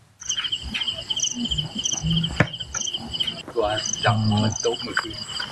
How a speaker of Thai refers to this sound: สิ่งที่ทำให้แมงดาหลงกลมาติดกับนะครับก็คือหลอดไฟสีม่วงพร้อมอุปกรณ์บันทึกเสียงแมลงที่ชาวบ้านเขาเอามาเปิดล่อครับ